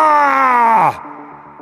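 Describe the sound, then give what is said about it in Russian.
A single loud, drawn-out war cry, 'Barra!', bellowed by a human voice imitating the roar of an enraged elephant, the cry of a Roman century running while trying to hold formation; its pitch slides downward before it breaks off into a quieter, fading tail. “Крик разъяренного слона. Барра! В нашем исполнении больше похож на вопль перепуганного слоненка.”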